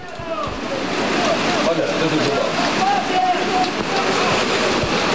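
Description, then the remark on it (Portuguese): Heavy rain pours down in a steady, dense hiss during an afternoon football match in Serrache de Bom Jardim, filling the whole scene without letting up, with faint voices or calls drifting in beneath it. “Isto que estão a ouvir é a chuva.”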